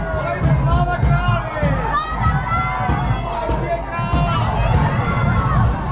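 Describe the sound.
A dense outdoor crowd at a historical procession in Znojmo, Czech Republic, moving from Pražská Street toward Masaryk Square as the retinue throws commemorative coins into the crowd; many overlapping voices chattering and calling out at once, with occasional excited shouts rising above the steady, loud hubbub throughout.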